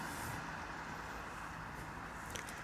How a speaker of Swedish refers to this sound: Viktor Svenfeldt, du har ju också bett dig ut i trafiken låter det som